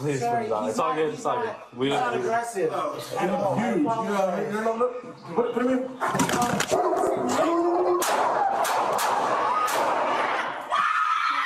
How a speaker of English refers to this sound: The Los Angeles Police Department releasing body cam video showing an incident during which an officer shoots and kills a dog at an apartment complex in Canoga Park, and you can hear the audio.